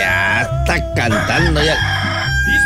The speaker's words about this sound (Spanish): Te oiga, ya estamos listos. Esto, ya ve, ya está cantando el gallo.